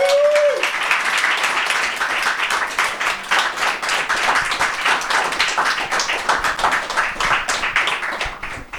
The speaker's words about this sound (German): Euer Applaus, Leute.